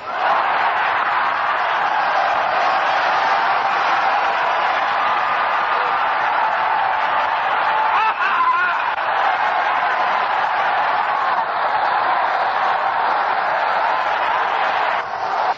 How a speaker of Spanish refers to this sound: Vamos a dar un gritito de clamor. Voy a señalar y van levantando la mano y dando un gloria a Dios. ¡A su nombre!